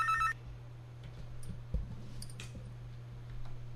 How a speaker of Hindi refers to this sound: Hello Najibabad कार्यक्रम आप सुन रखे हैं आकाशवाणी के नजीबाबाद केंद्र से, और आज हमारे साथ बहुत सारे अलग अलग जगह से साथी जुड़ भी रहे हैं, और देखते हैं कि ये अगला फोन हमारे किस साथी का है।